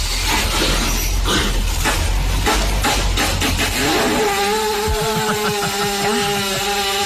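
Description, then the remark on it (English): A horse passing gas in one long, loud blast: sputtering, crackly bursts at first, then a steady buzzing drone that wavers in pitch like a small motor, lasting about seven seconds with no talking. “I wonder if the horse, based on that much air, feels so much better.”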